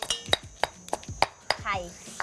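Steady pounding of chili curry paste in a mortar for making hor mok, in the Sai Thong community: about eight sharp, hard knocks in an even rhythm with a faint clinking edge, and a voice speaking briefly near the end.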